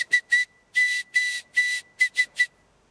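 An SOS signal in Morse code: three short, three long, then three short high-pitched whistle-like beeps, steady and fairly loud, with no talking.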